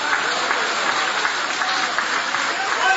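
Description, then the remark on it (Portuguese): An audience claps steadily in praise of God, many hands blending into a dense, continuous wash of applause that holds a fairly even loudness throughout, with a faint voice mixed underneath. “Isso, pode aplaudir, pode adorar, pode glorificar o Rei Jesus.”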